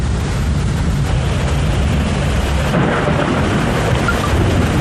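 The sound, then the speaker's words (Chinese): Steady, heavy rain pours down with a low, continuous rumble of thunder underneath, a dense wash of sound filling the whole stretch with no voices. “我去，真会聊天，第一次合作就下雨，雨就是财，我说宁可不下。”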